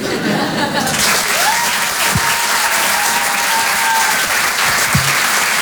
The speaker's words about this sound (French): On peut applaudir très très fort, lui aussi